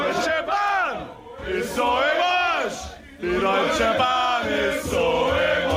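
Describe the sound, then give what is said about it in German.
A crowd of football fans, unhappy with a new rule, bawls and chants in unison, loud rising and falling shouted phrases sung together in a steady rhythm, with brief dips between the chants. “Grölende Fußballfans, die unzufrieden sind mit der neuen Regel.”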